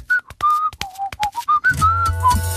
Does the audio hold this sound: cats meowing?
no